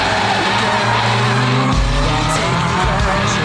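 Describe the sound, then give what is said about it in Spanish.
A car engine revs hard and the vehicle speeds away with loud, sustained tire squeal, the whole burst close and intense for a few seconds with no talking. “No, porque maneja muy recio.”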